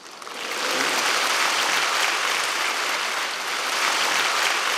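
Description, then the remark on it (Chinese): Warm applause from an audience thanking eight singers of the Buddha Museum's "Good Voice" performance, a dense, steady crackle of many hands clapping that swells in within the first second and holds loud and even throughout, with no voices. “热烈掌声，感谢佛馆好声音八位歌手。”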